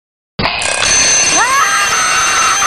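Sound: alarm clock ringing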